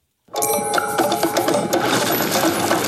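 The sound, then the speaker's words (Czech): The new jingle for this year's Anifilm International Festival of Animated Films in Liberec begins after a brief silence: sustained bright tones layered with busy, metallic clicking and tapping textures, staying steady and fairly loud throughout, with no voices. “Jde o novou znělku letošního ročníku Mezinárodního festivalu animovaných filmů Anifilm, jak říká programový ředitel Pavel Horáček.”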